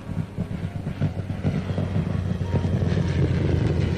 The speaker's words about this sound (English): That boy sure can't handle a plane. Here he comes back again.